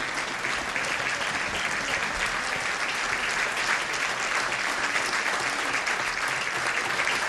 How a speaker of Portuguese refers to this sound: Faz uma salva de palmas para a Fábia.